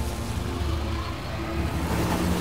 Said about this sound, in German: Unser frisch gewaschenes Auto. Achtung, einmal durch die Schlammpfütze. Daumen drücken, dass wir nicht stecken bleiben.